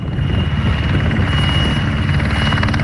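Loud, steady roar of firefighting helicopters at the airfield in Chřibská, Děčín district, Czech Republic, taking on water to drop on a wildfire; a dense rotor throb with rapid low thumping that holds constant for the whole stretch, with no voices.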